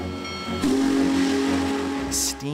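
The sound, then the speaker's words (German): A restored 4000-series steam locomotive, running through the USA in summer 2019, sounds its whistle in one long, steady blast over the rumble of the running engine, loud, then the hissing, chugging train noise carries on briefly. “Eine Dampflokomotive fasziniert die Menschen, weil sie eine lebendige Maschine ist.”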